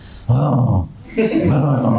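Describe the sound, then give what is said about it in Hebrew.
A voice imitates a tiger's growl in two loud, rough, drawn-out bursts, the second longer than the first, with a short pause between them. “נמר, אתה שומע נמר.”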